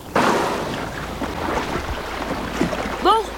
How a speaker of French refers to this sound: Ouf! Il ne faisait que passer. Ça n'était pas un bateau de pêche, mais certainement un navire de touristes. Et si ce boucan continue, on mettra les voiles.